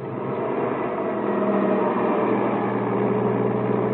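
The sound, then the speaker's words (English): The engine of Eva's truck runs at a steady idle, a continuous low rumble with a droning hum that holds even and unbroken throughout, with no voices. “Then I run over to Eva's truck and jump onto the running board.”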